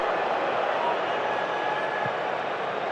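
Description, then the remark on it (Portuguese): A large stadium crowd at a football match between South Africa and Canada boos in a steady, unbroken roar that holds the same level for the full three seconds, a dense wash of voices with no individual words standing out. “E agora mais vaias. Ouça o microfone, Bandeirantes.”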